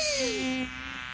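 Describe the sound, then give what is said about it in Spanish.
A continuous fly buzz, cartoonish in tone, swoops downward in pitch and then holds a steady drone for about a second, with no talking. “¡Ay, mosca! ¡No me molestes! ¡Que estoy trabajando!”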